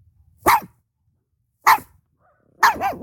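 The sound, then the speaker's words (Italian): A small dog lets out three sharp, high-pitched barks about a second apart, the last one longer and wavering, with nothing else around them. “I cani più piccoli ma rumorosi sono i Chihuahua, i Pomerania, gli Yorkshire Terrier e lo Schnauzer Nano.”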